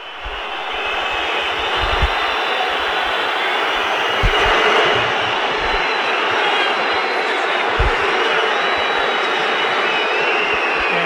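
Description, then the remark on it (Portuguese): A dense, steady roar from Palmeiras fans filling the Arena do Verdão football stadium during a match against Santos, loud and continuous throughout, like thousands of voices blending into one wash of sound, with no clear speech. “E a torcida do Palmeiras, vamos subir o som da Arena do Verdão aí.”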